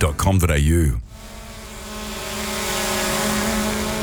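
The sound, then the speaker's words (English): A drone flown by Western Power to inspect power lines: its propellers give off a steady, high-pitched electric buzz with layered tones that slowly swells in loudness, following a short burst of wavering tones at the very start. “While Western Power is flying drones to inspect the lines,”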